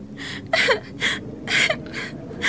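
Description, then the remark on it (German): A child whimpers and cries in short, rhythmic sobbing bursts, about four whimpers with sliding, breathy pitch, moderately loud, with no talking. The children are stranded in deep snow in front of a large rock crevice. “Nicht weinen”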